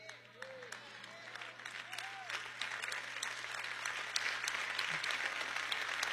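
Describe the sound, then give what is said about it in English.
An audience claps in a dense, steady patter of many hands that gradually swells louder over several seconds, with brief vocal murmurs early on. “You might as well clap louder than that because I ain't going to shut up till you get there.”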